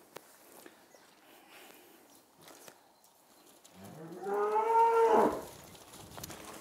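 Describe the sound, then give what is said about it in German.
A single drawn-out moo from a mother cow with her calf, loud, swelling in pitch before cutting off, preceded and followed by faint shuffling and rustling as a person tries to get the calf to go to its mother, otherwise quiet. “Ich versuche jetzt, dass der Kleine zu seiner Mama geht.”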